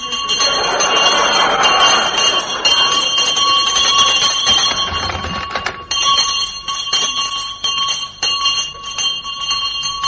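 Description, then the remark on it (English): A loud house bell in a big house, rung by a pull, clangs continuously, its bright ringing tones sustained throughout with a rattling, jangling texture, no voices over it. “you need a loud bell in a big house like this”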